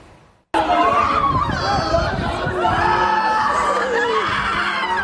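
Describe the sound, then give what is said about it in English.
Loud, overlapping shrieks and anguished cries from several people erupt suddenly after a brief quiet moment, continuing as a dense, chaotic wall of distressed voices. “Amid shrieks and cries, a portrait of despair.”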